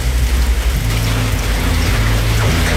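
Steady, heavy rain pours down on the Curicó coast in a dense, continuous hiss, with a low rumbling hum running underneath throughout and no voices.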